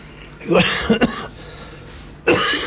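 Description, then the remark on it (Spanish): A person coughs and clears their throat, with a couple of harsh bursts early on and another loud cough after a short pause. No talking. “Comenzamos tosiendo el programa de hoy.”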